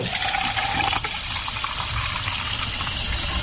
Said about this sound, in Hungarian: Még akkor öntsünk hozzá vizet, mert még kell majd hozzá. Egyszerű csapvíz is jó hozzá.